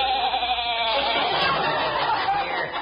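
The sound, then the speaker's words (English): A human voice imitates a lion whimpering, producing a continuous, quavering, bleat-like whine for about three seconds, moderately loud with no talking. “You're supposed to be a dangerous lion.”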